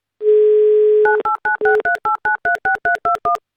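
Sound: telephone number being dialed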